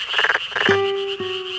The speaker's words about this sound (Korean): 여름철 농촌의 논에서 흔히 들리는 소리 끄르르륵 끄르르륵. 이 참개구리의 소리는 대부분 수컷이 암컷을 부르는 노래입니다. 그런데 최근에는 암컷도 소리를 낸다는 사실이 알려졌는데요.